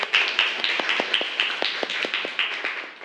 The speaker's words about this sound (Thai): กลุ่มที่1ปรบมือเพื่อนหน่อยค่ะ